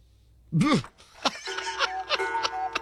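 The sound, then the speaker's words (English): A bright metal bell, like a boxing ring bell, is struck about five times in quick, slightly uneven succession, its tone ringing on between hits after a brief swooping noise at the start. “Of course, that bell sounds like the end of a, you know, a 12 round bout.”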